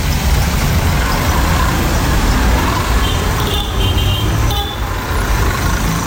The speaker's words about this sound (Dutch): we kijken naar de voorbijrijdende brommers en kekkes. Het zijn een soort Nigeriaanse versie van tuk-tuks.